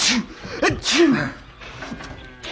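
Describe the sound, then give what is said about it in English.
A loud sneeze bursts out, with a breathy build-up and sharp explosive release, amid brief vocal sounds; he just about sneezes through his handkerchief. “I think … just about sneezed his through.”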